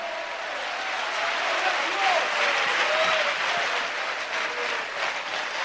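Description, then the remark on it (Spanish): An audience at a night church service applauds Christ loudly and steadily, a dense wash of many hands clapping that holds at an even level for several seconds, with faint vocal tones and shouts mixed in. “¡Fuerte ese aplauso a Cristo!”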